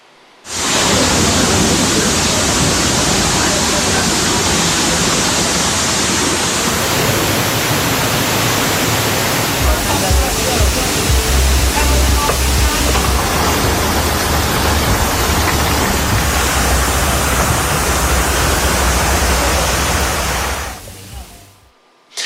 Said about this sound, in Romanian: În doar câteva minute, străzile și terasele au început să se umple de apă. Oamenii s-au adăpostit în clădiri și au privit cum mese, scaune și obiecte erau purtate de apă.